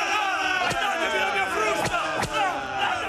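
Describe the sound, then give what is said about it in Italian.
A dense crowd of excited slaves shouts and cheers continuously, many voices overlapping loudly, with a few sharp impact-like bursts cutting through the din. “Sono gli schiavi eccitatissimi!”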